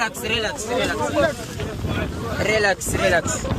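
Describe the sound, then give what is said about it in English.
A French gendarme police boat appears beside a boat on choppy water, with heavy wind buffeting the microphone and waves splashing, while several excited voices shout and talk over the steady roar. “The gendarme boat appeared.”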